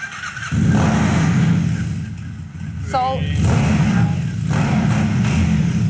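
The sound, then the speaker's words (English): A small-cc custom motorcycle in the Mud Motorcycles showroom cranks and fires up after a moment, then idles loud with rough rumbling and a couple of revs swelling up. A brief voice cuts in partway through. “We're gonna crank it up. See Please if you do. like the sound.”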